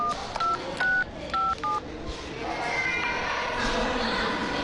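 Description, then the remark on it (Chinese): Five quick touch-tone telephone beeps as a number is dialed to call a traffic police command center, clear, followed by a steady wash of busy background noise with no further tones. “我赶紧打个电话问问。”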